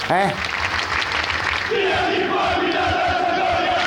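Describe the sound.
A large crowd of football supporters chanting in protest against their club's management, in unison, loud and dense, with a brief voice at the start and sustained collective shouting building over steady crowd roar.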